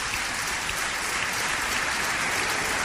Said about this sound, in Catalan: Per tant, dediqueu-li un fort aplaudiment.